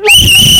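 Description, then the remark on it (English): A loud, shrill whistle blast rises quickly and holds steady as one continuous piercing tone, with some low background rumble underneath. “Hey, me find my whistle.”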